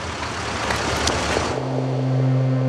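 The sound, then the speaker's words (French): A car engine idles with a steady low drone after a brief wash of broad traffic noise, fairly loud. It is Blum's car, stuck in a jam of pedestrians gathered for the funeral of Jacques Bainville. “Et, fatalitas, sa voiture est prise dans un embouteillage de piétons.”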